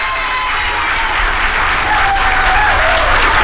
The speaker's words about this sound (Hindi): ढेर सारी तालियां उनके लिए जनाब।